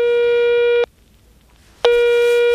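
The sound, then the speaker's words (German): A phone ringback tone sounds loud while a mobile phone number is dialed: a steady electronic buzz-tone, a pause of about a second, then the tone starts again. No one is speaking. “Da nehme ich meinen X-Funker zur Hand und wähle ihre Handynummer.”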